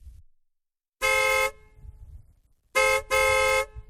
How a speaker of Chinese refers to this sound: 马一山女人听见大门外车喇叭响，只是竖着耳朵听了听，没有撵出去迎接